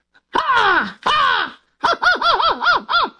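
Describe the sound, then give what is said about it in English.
A voice imitates an American crow: two long, drawn-out descending caws followed by a quick run of five or six shorter, rhythmic caws, loud, with no other talking. “Why don't you do the American one first and then a British one, and we'll see if we can hear the difference.”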